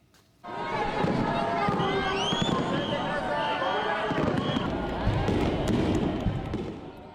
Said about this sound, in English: The bright colors of fireworks lit up the night sky over Tokyo on Saturday, drawing crowds of onlookers.